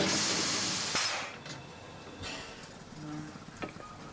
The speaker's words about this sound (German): Die historische Dampflok kommt gerade aus Bad Doberan.